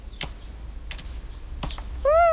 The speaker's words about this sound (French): C'est un petit oiseau bleu qui s'approche en chantant. Il a le ventre jaune. C'est une mésange. Toudou lui répond en sifflant. Le petit oiseau picore quelques graines.